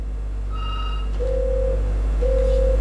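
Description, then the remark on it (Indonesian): A telephone line rings as the host tries to take the next caller's call: a brief high two-tone beep, then two long, steady, low-pitched ring tones separated by a short pause, over a constant low hum with no talking. “kita masih akan mencoba menerima telepon yang berikut ini.”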